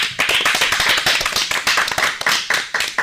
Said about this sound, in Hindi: तो एक बार जोरदार तालियां हो जाएं।